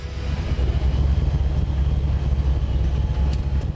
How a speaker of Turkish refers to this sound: Evet, arabanın sesi mükemmel. Çok gürültülü. 69 model Nova.